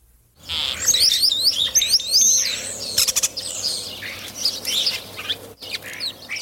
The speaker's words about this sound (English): That was last week's mystery bird, the European starling. Starlings are ubiquitous in cities, and St. John's is no exception. You can often see these small, straight-winged, and yellow-billed birds perched on telephone wires or performing aerial